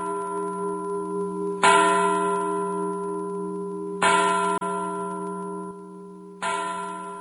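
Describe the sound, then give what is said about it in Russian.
An old Dutch clock standing in the corner of a hall slowly strikes midnight, three deep resonant chimes about two and a half seconds apart, each ringing on and blending into the next. No voices are heard. “Старые голландские часы, стоявшие в углу залы, начали медленно бить полночь.”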